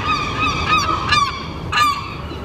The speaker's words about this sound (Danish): Ja, tid til skrigende, hakkende og klattende måger, der sidder på lur for at guffe madrester fra diverse restaurantborde.